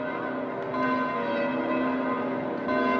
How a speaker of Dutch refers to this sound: En met die klokken van de Sint-Pietersbasiliek nog op de achtergrond, dierbare luisteraars, gaan wij er ook tussenuit.